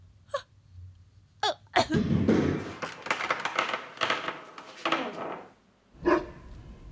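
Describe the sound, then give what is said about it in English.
A dog gives a few short, sharp barks, spaced apart, with a stretch of lively scuffling and thumping between them as it plays at catching a bone. “Oh, you are such a good dog.”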